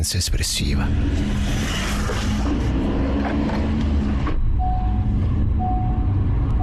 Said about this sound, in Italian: Rileggere queste parole oggi, venerdì 27 febbraio 2026, mentre rientro a casa, in macchina, nel traffico romano che quotidianamente accompagna l'inizio e la fine di ogni mia giornata, ha un sapore tutto particolare.